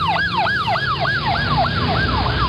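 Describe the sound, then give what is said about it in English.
A loud police siren in a fast yelp pattern, its high pitch sweeping up and down about three times a second over a low rumble of traffic, with no voices. “The cops are on their way.”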